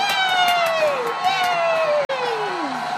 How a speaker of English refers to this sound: Oh, look at that clown. He's dancing. Ooh, let's clap.